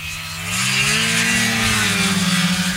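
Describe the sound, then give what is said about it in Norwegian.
A snowmobile engine revs steadily, its droning pitch rising and then holding with a slight waver, loud and continuous after a brief quieter start, with no voices. “Bengt Rune Strifeldt fra FRP vet at denne lyden musikk i ørene til velgerne hjemme i Finnmark. Mer enn hver femte norske snøskuter registrert i det minst folkerike fylket, så her det stemmer å hente.”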